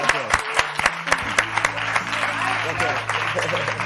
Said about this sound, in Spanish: Un aplauso fuerte